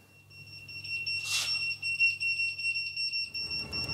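A shrill electronic alarm tone sounds continuously and loudly, with a rapid pulsing rhythm: the alert alarm calling out the volunteer local fire brigade of Brinkum to a reported house fire. A brief noisy burst comes near the start, with low rumbling hum underneath.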